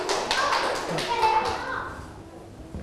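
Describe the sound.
A class of children bursts into rapid, overlapping applause for group 5 during a maths lesson, fading out after a second or two, with young voices chattering faintly among the claps.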